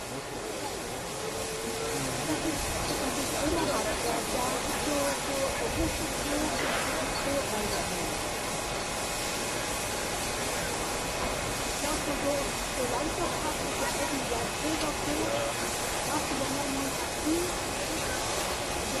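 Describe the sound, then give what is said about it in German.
Steam locomotive 35/10/97 hisses steadily and loudly before departing toward the main station to haul a special train toward Riesa, a dense continuous rush of steam over a low mechanical rumble, with faint voices in the background. “Die 35/10/97 wird uns jetzt in Richtung Hauptbahnhof verlassen und bespannt dann dort den Sonderzug in Richtung Riesa.”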